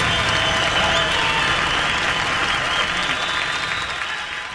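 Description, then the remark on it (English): A large live audience at the 1972 Concord Jazz Festival applauds two jazz guitarists steadily, the dense clapping loud and continuous throughout, with faint cheers mixed in, tapering slightly near the end. “And the crowd seems to like it.”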